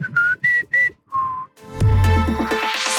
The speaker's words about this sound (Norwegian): Og så spør vi oss I dag, kan du å plystre? Ja da.